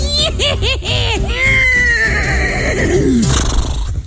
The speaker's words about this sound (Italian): Potete lasciare un messaggio dopo il nitrito acustico.